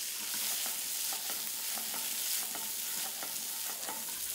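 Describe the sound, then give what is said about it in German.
Fresh bite-sized cauliflower pieces sizzle steadily in hot oil in a pan, browning, a constant bright hiss with irregular soft clicks and scrapes of stirring throughout. No one speaks. “In heißem Öl sortiert das frische Gemüse und bildet beim Tanz in der Pfanne schöne Röstaromen aus.”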